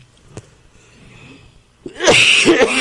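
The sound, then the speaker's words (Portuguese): After a quiet stretch with a faint click, a loud, harsh fit of coughing breaks out, a few raspy bursts run together with a rough, breathy edge. “A tosse tá grande.”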